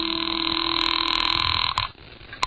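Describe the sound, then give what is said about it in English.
A telephone call to the Los Angeles Morning Star rings over the line: one long, steady electronic ring tone lasting under two seconds, then cut off, followed by a brief click. No one speaks. “Well, I couldn't lose much more, so I went back into the house to use the phone.”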